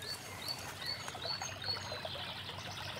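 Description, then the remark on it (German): A brook in a small floodplain forest, where deer cross it along a game trail, trickles and babbles steadily throughout, a soft continuous wash of water, with a few faint bird chirps high above it. No one speaks. “Hier ist so ein Wildpfad und dann gehen die Rehe hier runter und durchqueren dann hier den Bach und gehen dann dort auf die andere Seite.”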